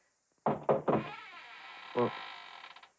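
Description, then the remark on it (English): Loud, hard knocking on the door of a man's room to wake him: three heavy raps in quick succession, a pause, then a single further knock, each ringing briefly with a hollow wooden resonance. “Better knock harder.”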